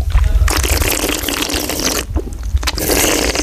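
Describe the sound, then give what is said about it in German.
Wine being slurped during a wine tasting to coat the whole mouth and throat: a long, airy, hissing draw of liquid and air, a brief pause, then a second shorter slurp. Fairly loud, with no talking. “Das Schlürfen ist eigentlich fast eine wichtige Sache beim Weinbarbieren.”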